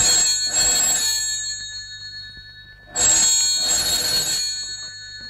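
A telephone bell rings in two long, loud bursts separated by a pause of about two seconds, each burst a bright, rattling metallic trill over a faint low hum.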